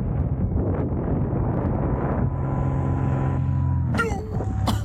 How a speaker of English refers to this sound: And then when you hear the interruption, that is a small airplane flying directly between the person and the parachute of the paraglider right in front of them, right above them.